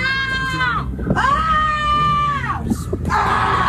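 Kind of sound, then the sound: human body sound, person shouting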